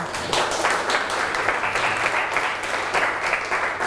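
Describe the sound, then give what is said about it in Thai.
A class of students claps together for two classmates in steady, dense applause, many hands beating at once for a few seconds without any talking. “เก่งมากปรบมือให้เพื่อนสองคนค่ะ”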